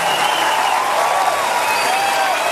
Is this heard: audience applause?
yes